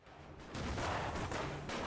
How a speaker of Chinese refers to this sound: 忽然远处传来一声枪响，蒋作斌忙问， 什么声音？快去查看。